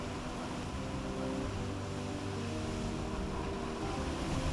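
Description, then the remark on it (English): Steady wash of sea water at a coastal cave with a constant low rumble underneath, loud and continuous throughout, with no distinct individual wave breaks and no one speaking. “He asked us to throw his ashes into the sea here at this cave.”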